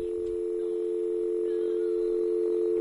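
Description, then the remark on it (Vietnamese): A steady telephone dial tone hums continuously at an even pitch, clear, with nothing else over it for the whole stretch, heard after the handset of a malfunctioning telephone is lifted. “Bây giờ Hồng Ánh thử nhấc điện thoại xem có được không.”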